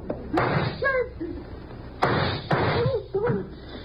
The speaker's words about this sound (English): I think that did it. Come on, let's try it. Huh? Try what? The door, you idiot. I fired at the lock.